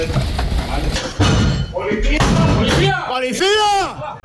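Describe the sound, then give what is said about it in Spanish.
National Police officers use a battering ram to break down the door of a flat in Jerez during a dawn operation against cocaine trafficking. The ram slams repeatedly in heavy, booming thuds, followed by loud, chaotic shouting voices. “Es el momento en el que con un ariete agentes de la Policía Nacional echan abajo la puerta de un piso de Jerez en una acción que ha permitido detener a 5 personas acusadas de vender cocaína a domicilio.”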